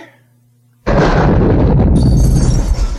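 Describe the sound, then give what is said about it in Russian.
A car explodes outside the doors of the General Prosecutor's Office with a sudden, loud roaring blast that hits hard after a quiet moment, then keeps rumbling and crackling with a bright hiss of debris for a couple of seconds. “Что это грохнуло? Прокуратура. Погляди-ка в окно, что там. Похоже, что это Шацкого в автомобиле грохнули.”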